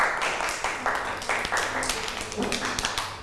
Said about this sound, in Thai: ปรบมือให้น้องมาหน่อยค่ะ